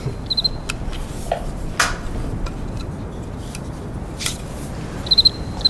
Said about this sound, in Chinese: 哎，蛐蛐， 哎， 来来来，我看看，我看看。哎呀，这玩意好玩啊，那玩起来可着迷啊。